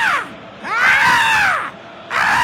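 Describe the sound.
A shrill, raspy screech rises and falls in a long arching cry, followed by a shorter rising shriek, like a voice imitating a pterodactyl's scream, mimicking coach Oswaldo de Oliveira shouting "Gabriel!" during football match commentary. It is loud, with no talking.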